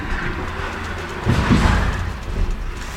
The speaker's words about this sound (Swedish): Ja, vi har ju då, alltså, motorcykeln kommer ju åkande här nu, krockar rakt in i fronten på bilen och dockan i det här fallet flyger då över styret, gör en kullerbytta